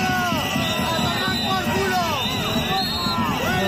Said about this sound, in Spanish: Esto por la tarde, por la mañana, gritos y abucheos de 200 manifestantes al presidente de Aragón en un acto en Huesca.